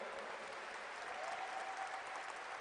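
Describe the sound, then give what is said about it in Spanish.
An audience at a Catholic service applauds Christ steadily, a dense, continuous clatter of many hands clapping at a sustained, fairly loud level with no pause, and a faint tonal hum running through it. “Yo creo que él se lo merece más fuerte, hermano,”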